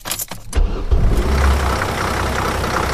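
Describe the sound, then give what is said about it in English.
A University of Alabama Crimson Ride campus bus engine rumbles steadily with a deep low-pitched drone, a few brief clicks and a surge at the start, then a constant loud hum with no voices. “It's a rare university job indeed, whose workspace is constantly in motion and sounds like this.”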